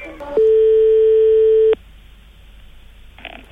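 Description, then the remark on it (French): A steady, loud telephone tone holds for over a second during a phone call, then cuts off sharply, followed by quiet line noise and a faint rustle near the end. “Parce qu'il faut que je prenne des notes, chers auditeurs, pendant que je téléphone.”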